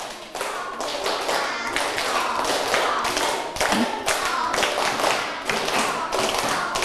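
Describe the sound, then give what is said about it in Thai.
A group of schoolchildren clap their hands together in a rhythmic pattern at their teacher's call, clapping once and then clapping in steps, a steady series of sharp, loud claps with brief pauses between sets, no talking over it. “นักเรียนปรบมือ1ครั้งเด็กดีปรบมือ1ครั้งเด็กดีปรบมือเป็นสเต็ป”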